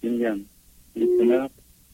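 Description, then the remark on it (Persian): An incoming-call ringtone chimes twice during a WhatsApp call as another call comes in: two short bright tonal bursts of about half a second each with a brief gap between them, fairly loud against a quiet line. “وسط حرف اسکایپ اون برادرمون یه تلفن اومد.”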